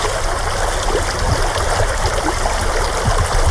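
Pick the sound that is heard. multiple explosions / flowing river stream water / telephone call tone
flowing river stream water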